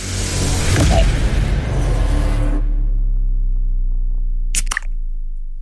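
A beer can cracks open with one quick, sharp snap near the end, after a few seconds of broad rushing noise that gives way to a low, steady hum.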